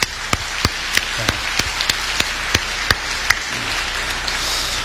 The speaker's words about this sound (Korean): 우리 수고하는 모든 분들, 우리 수고하는 모든 분들을 위해서 우리 박수로 함께 우리 한번 감사를 드리겠습니다.